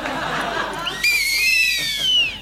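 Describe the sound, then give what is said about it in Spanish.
Shrill whistling from two handmade whistles tied together starts about a second in, a wavering tone with several overtones that slides slightly in pitch, following a moment of murmuring voices and light laughter. “Dos silbatos que se han anudado y que ya por siempre sí.”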